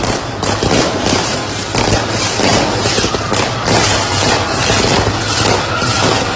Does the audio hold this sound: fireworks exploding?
yes